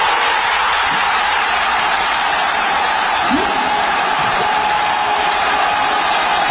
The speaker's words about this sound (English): This one is equally packed. It's just elbow to elbow, shoulder to shoulder. This big crowd of Americans in Kansas City watching the soccer match.